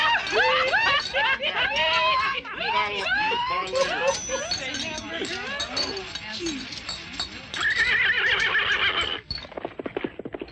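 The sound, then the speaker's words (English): Horses neigh and whinny repeatedly and loudly, their calls overlapping for about nine seconds alongside clopping hooves and indistinct voices, before the noise cuts off abruptly. “someone just stole your horse.”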